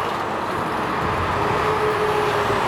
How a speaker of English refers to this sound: Traffic flowing well between Woodruff Avenue and Pinecrest this morning. One lane was closed in each direction for weeks as crews installed signage for Stage 2 of the O-Train West extension.